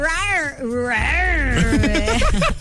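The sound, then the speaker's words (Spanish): A person imitates a roar as the sound for a call-in ticket contest, with loud, drawn-out wavering cries that rise and fall in pitch, then breaks into a quicker run of choppy, growling bursts. “Te toca tu rugido, ….”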